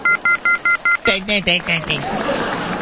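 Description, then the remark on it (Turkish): A phone line drops into a fast, evenly spaced run of five clear electronic beeps, followed by a brief burst of voice-like sound and low line noise. “Düşmüş. Diğer telefonumuzu aldık.”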